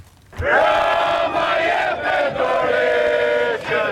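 A large crowd of Albanians protesting in the evening outside the government palace in Tirana chants in unison against Prime Minister Edi Rama, calling for his resignation, loud and sustained, with rhythmic surges of many voices shouting together and brief dips between the chanted phrases.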